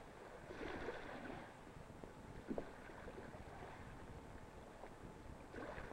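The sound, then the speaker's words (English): A driverless motorboat runs steadily across open water, its engine noise blending with rushing wind and splashing waves, with a couple of brief louder knocks and no voices. “But what do you do if you're left alone in a driverless boat running wild?”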